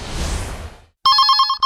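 A soft whooshing noise fades into a brief silence, then a loud telephone rings abruptly with a fast electronic trill of rapid, evenly pulsed tones, clear.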